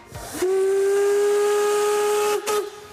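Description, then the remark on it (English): A historic narrow gauge steam locomotive of the Harz narrow gauge railway, which runs up to the Brocken in the national park in the Harz Mountains, blows its whistle in one long, loud, steady note for about two seconds, with hissing steam at its start and end; no one speaks. “The historic steam locomotives are a tourist attraction in the Harz Mountains.”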